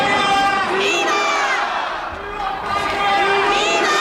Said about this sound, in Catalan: Clar, respon als crits de viva, viva, a un viva Espanya, eh?